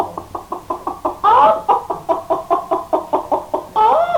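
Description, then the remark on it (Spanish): A hen clucks in a steady run of short pulses, broken twice by a louder drawn-out squawk. No one speaks. “Aquí tienen esta gallina para que se hagan una sopa cuando lleguen a la ciudad.”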